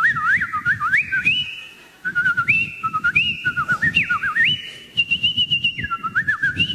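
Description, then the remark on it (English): A person whistles a warbling, birdlike melody with rapid trills and sliding notes, imitating cheerful morning birdsong in a garden, held in quick phrases over a steady low rumbling background. “I'm laying in bed and all I can hear out in the garden is the merry song of every bird in the bird kingdom. It's like...”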